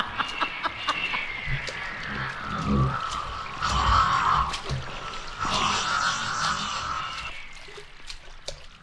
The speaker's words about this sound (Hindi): एक विशालकाय मगर पानी में तैरता हुआ आता है। मुंह से पानी उछालता हुआ अपने विशाल जबड़ों को कटकटाता हुआ बढ़ता है। उसकी सांसों से निकलती फुत्कार डरावनी है।